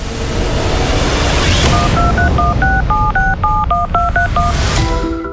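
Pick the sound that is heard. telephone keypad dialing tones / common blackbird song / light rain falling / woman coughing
telephone keypad dialing tones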